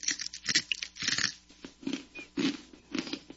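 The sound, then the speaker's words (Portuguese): Crunchy chewing of a fried insect snack from Niger, a steady run of sharp crackling bites repeating every half second or so, loud with no talking. “Crocante, né? É crunch, é.”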